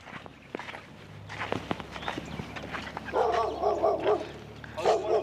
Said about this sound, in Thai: มีน้องหมา